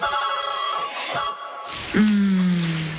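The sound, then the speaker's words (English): Shower water runs with a steady, bright hiss, briefly dipping before a loud, sustained squealing tone cuts in over the spray for the last second. No one speaks. “Shower time.”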